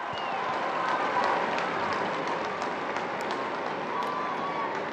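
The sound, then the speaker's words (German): A large outdoor crowd at St. Peter's Square in the Vatican cheers and applauds as Pope Leo appears at the window of his study in the Palazzo, in a steady, dense roar, with scattered whistles and shouts rising above the continuous wash of noise. “Der Jubel kündigt an, dass sich nun der Papst am Fenster seines Arbeitszimmers zeigt.”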